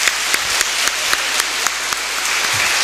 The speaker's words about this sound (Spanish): Le damos un aplauso a la comunidad que ha participado con mucha fuerza.